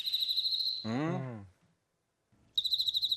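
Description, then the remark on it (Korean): A cricket, played as the second of three cricket sounds in a listening quiz, chirps in a steady, rapid pulsing trill, cut off briefly by a short voice and a moment of silence before the chirping resumes, clear. “두 번째 귀뚜라미는요, 유언.”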